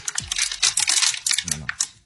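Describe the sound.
A plastic water bottle is squeezed and crushed, giving a run of sharp, irregular crackling and crinkling bursts that fill the whole moment, with a faint voice briefly underneath.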